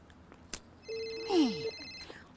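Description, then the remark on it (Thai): A phone's electronic ringtone for an incoming call plays once, a steady bright tone lasting under a second with a quick downward-sliding chirp through it, over faint background noise and no talking. “ไหนอ่ะเห็นมีใครโทรมาเลยไหนดูสิ”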